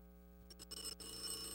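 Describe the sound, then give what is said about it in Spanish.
A telephone bell rings with a bright, sustained trill, preceded by a few short clattering bursts. It's fairly quiet, with no voices. “Anacleto, conteste ese teléfono.”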